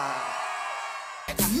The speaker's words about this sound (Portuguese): Agora sim, um gritinho pra ela,